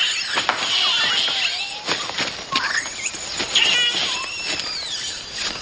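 A noisy troop of bachelor male monkeys calls continuously, with overlapping high-pitched squeals, chirps and warbling cries rising and falling over a steady hiss, fairly loud throughout.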